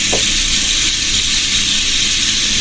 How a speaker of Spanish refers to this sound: Ese es agua. Ese es el sonido del palo de agua. Emula el sonido del agua, pero son piedritas.